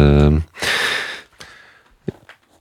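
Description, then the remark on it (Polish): A voice trails off, then comes a single breathy intake of air lasting under a second, followed by faint small mouth sounds and quiet. “No, bardzo proszę, bo wziąłeś oddech.”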